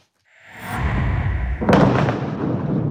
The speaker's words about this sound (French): Ces explosions dans le sud du Liban. L'armée israélienne affirme avoir détruit des tunnels du Hezbollah. Les explosions ont été si puissantes qu'elles ont provoqué une secousse de magnitude 4,1 sur l'échelle de Richter.